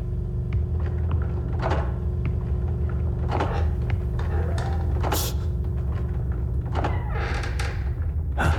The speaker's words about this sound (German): Und pass auf, die Dielen knarzen so.